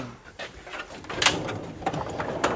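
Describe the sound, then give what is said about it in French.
A specimen drawer is pulled open, giving a few short scraping, clacking bursts of wood sliding against wood, with no voices. “Très bien, alors là, ça donne envie de les ouvrir, ces tiroirs.”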